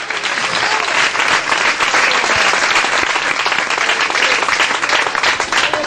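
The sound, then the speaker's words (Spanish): An audience bursts into loud, sustained applause for the Lord in the afternoon, dense overlapping clapping holding steady for several seconds with a faint murmur of voices underneath. “Dele un fuerte aplauso al Señor esta tarde.”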